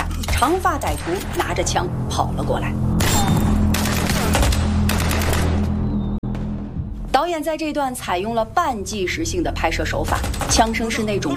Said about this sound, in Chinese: 导演在这段采用了半纪实性的拍摄手法，枪声是那种沉闷且突兀的，尤其是在走廊里的激战，镜头模拟的是第一视角的混乱感和窒息感。